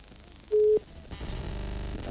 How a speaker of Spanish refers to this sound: Sí, y lo voy a llamar por teléfono. Ya no más lo llamo por teléfono.